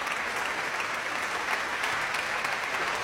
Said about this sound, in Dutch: De Nederlandse première van dit stuk. Op de dag van de componist. Hartelijk applaus voor Kate Moore.